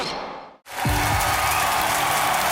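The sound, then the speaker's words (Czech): After a brief moment of silence, a crowd breaks into dense, steady applause that stays loud and even to the end, with a short low droning tone beneath it early on. “Slyšíte ten potlesk?”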